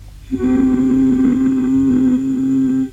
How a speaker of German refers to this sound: Können Sie mal versuchen, ganz tief zu summen?